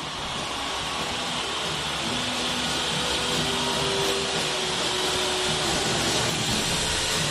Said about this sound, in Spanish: Muy bien, ruge, ruge, ruge el estadio Nemesio Camacho, el Campín de Bogotá.